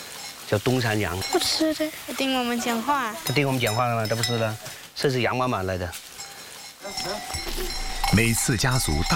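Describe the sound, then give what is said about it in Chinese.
Horned Dongshan goats bleat repeatedly and loudly on a hillside farm halfway up a mountain, their wavering, quavering calls overlapping one another, with a faint clank of a bell and some background clatter toward the end. “叫东山羊， 不吃的，听我们讲话， 他听我们讲话了，他不吃的，这是羊妈妈来的。”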